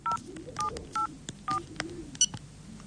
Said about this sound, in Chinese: 拿起手机拨了过去。